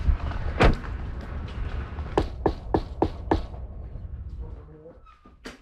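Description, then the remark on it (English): Five quick, sharp knocks rap on a front door in a steady rhythm, preceded by a single earlier thump, with low outdoor rumble underneath and no talking. “right, let's go knock on the door.”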